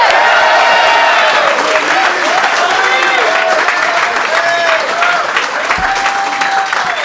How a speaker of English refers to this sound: Big applause for Joey Diaz!